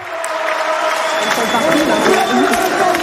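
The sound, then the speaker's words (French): At the French Open tennis at Porte d'Auteuil, on the Suzanne Lenglen court, a large crowd roars and chants together for French player Diane Paris. A steady, loud, dense wall of voices, with sustained sung tones of Parisian supporters' chants running through the cheering for the whole few seconds. “Et vous allez l'entendre, la Niçoise qui a été acclamée par la foule et qui ont même chanté des chants de supporters parisiens.”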